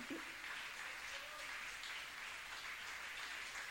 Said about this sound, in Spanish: ¡Denle un aplauso a la gloria de Dios!